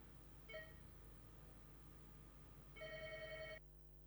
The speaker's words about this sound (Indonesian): Angkat dulu sana, kita angkat dulu telepon go.